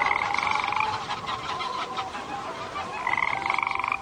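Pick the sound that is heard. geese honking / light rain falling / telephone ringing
geese honking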